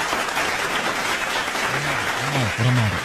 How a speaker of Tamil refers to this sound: அவருக்கு கைத்தட்டலனா எப்படி?